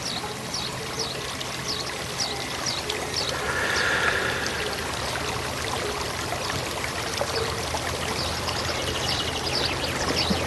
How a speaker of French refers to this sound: Je ne sais pas si vous avez pu entendre, là, voilà, il vient de se mettre à l'eau, il a la tête dans l'eau. Il avait l'air bien, il avait l'air tranquille.